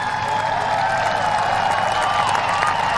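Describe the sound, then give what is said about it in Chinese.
Spectators at an equestrian cross-country event cheer a horse and rider in a steady, unbroken roar for three seconds, a dense wash of many voices with no individual claps or words standing out. “另外呢，这对组合能感觉出来，在观众的欢呼声当中，他们是很享受比赛的。”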